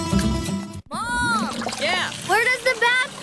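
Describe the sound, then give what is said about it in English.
Water splashes and sloshes in a bathtub as a child gives a toy Lego man a bath, with the child's playful vocal sounds rising and falling over the splashing. “I was giving my favorite Lego man a bath, and he went down the drain.”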